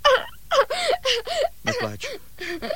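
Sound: child crying and whimpering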